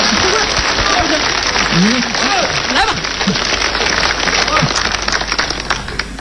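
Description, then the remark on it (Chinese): A group claps steadily for the whole stretch as one person offers to sing them a song, a dense, loud patter of many hands, while a few voices talk and call out over it. “来， 这鼓掌啊！”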